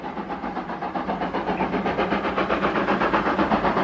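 A steady rumble of a train car rolling along the tracks through the desert somewhere in West Texas, with a rapid, regular clickety-clack pulsing throughout and no voices.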